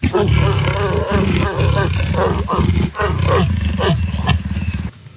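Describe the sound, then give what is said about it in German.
A leopard growls loudly for about five seconds, a deep, rough rasping rumble that surges in a series of rhythmic pulses before cutting off abruptly. “Leopard. Da waren wir beide meilenweit entfernt jetzt”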